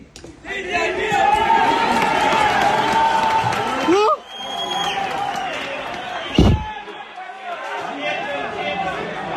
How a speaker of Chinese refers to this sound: 救援现场，一处整体垮塌的废墟上，突然响起一阵欢呼。搜救人员听到了废墟深处传来的呼救声，起重机一块一块吊开的楼板下面还有人活着。